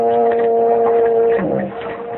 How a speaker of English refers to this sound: I heard whistle of big ship. No, you didn't. That was just a foghorn.